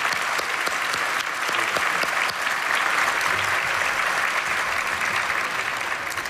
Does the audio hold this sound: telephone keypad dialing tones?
no